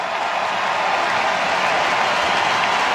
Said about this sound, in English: The Blue Jay faithful cheering on Cease as he walks slowly and I assume very frustrated toward the Blue Jay dugout